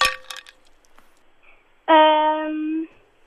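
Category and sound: household object, ice cubes clinking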